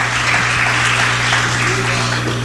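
A church audience claps hands steadily and loudly in praise to Jesus, a dense, continuous patter of applause with a low steady hum underneath and no voices.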